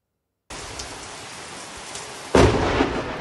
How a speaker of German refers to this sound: Ein gewaltiger Blitz kracht in das Haus von Martin Lübcke.